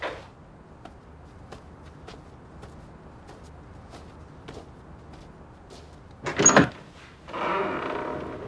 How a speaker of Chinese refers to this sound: 哟，开门去，儿子。 谁呀？